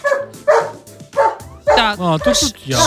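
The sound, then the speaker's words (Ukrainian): A corgi barks repeatedly and loudly, short sharp barks coming in quick bursts, with a few higher, drawn-out yelping barks toward the end. “Так, чуєте, я вчора відео знімала, там мій коргі розгавкає, то давайте перекладемо, давайте от звук.”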